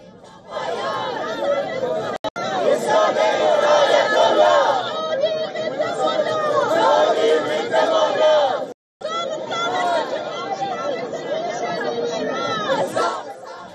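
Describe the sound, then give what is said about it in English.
A large crowd of protesters from the Persian exile community chants and shouts in unison outside a stadium in Los Angeles against Iran's government before a football match. The voices form a loud, dense wall that carries on steadily and breaks off briefly once before resuming. “Once again, members of LA's large Persian exile community gathered outside the stadium to protest against Iran's hardline government.”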